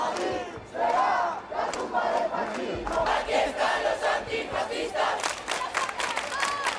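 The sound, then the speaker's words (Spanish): A large crowd of protest campers in central Madrid on Spain's Día de la Hispanidad shouts and chants loudly in unison, voices rising and falling in rough rhythmic bursts, with sharp individual yells and whistles cutting through the steady roar. “Los acampados responden así.”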